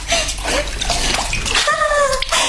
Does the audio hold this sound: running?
yes